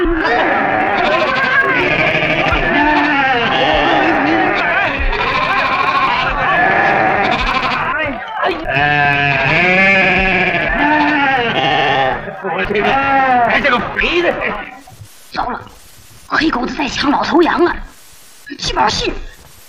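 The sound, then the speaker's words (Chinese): A crowd of goats bleats loudly, with many wavering cries overlapping in a continuous din before breaking into separate calls with short pauses near the end. “哥，走，山羊去，走，山羊去。”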